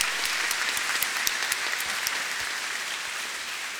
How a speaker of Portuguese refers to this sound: São José do Pinhal, nós acolhemos a comunidade com uma salva de palmas, com alegria.